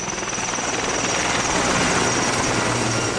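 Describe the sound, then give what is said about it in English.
A firefighting helicopter drones steadily overhead, dropping water on wildfire flames west of Athens, Greece; its rotor thrum and turbine whine are loud and continuous, with broad wind-like noise filling the background and no voices. “They have eased slightly, which means helicopters are back in the air, dropping water on the flames.”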